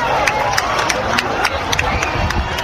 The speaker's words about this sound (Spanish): Después, un minutito después, a las 8:32, llegaba esa fase, ese final de la fase total, y regresaron otra vez los aplausos, los vítores.